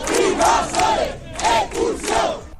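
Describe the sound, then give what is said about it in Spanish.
A protest crowd shouts slogans in unison, loud rhythmic bursts of many voices rising and falling in a chant-like pattern, about four phrases in quick succession. “Con más proclamas que iban saliendo en cualquier momento.”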